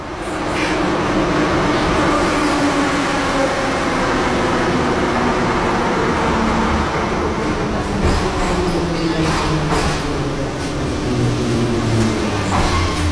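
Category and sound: ambience, metro train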